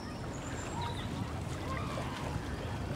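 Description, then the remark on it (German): A steady, low rumble of a boat moving on water, with faint bird calls and a muffled voice, continuing evenly throughout. A dummy is thrown from the boat into the water for Manni, a 2-year-old male Newfoundland dog in water rescue training, to bring ashore. “Manni soll eine Puppe an Land bringen, die von einem Boot aus ins Wasser geworfen wird.”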